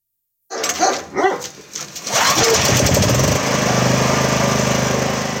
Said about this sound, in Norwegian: Yuri Bagatyrjov forsikrer seg om at generatoren utenfor huset hans i Sevastopol fungerer som den skal.